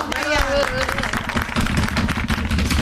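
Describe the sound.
A crowd claps steadily and loudly, a dense patter of many hands lasting throughout, with a brief voice or whistle-like tone rising above it at the start.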